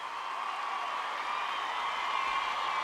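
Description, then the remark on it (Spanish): Applause from a crowd, a dense, steady wash of clapping that holds at an even, fairly loud level for about three seconds with no voices on top. “Un aplauso de verdad para él.”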